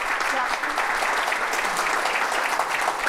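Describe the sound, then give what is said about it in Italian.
A crowd applauds steadily for the full few seconds, a dense, even patter of many hands clapping at once, fairly loud, with no break or fade. “quindi insomma, quindi doppio applauso per te.”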